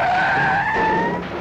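A company car speeds in toward a woman with loud, sustained tire squealing, a steady high-pitched screech over roaring engine noise that lasts about a second and a half.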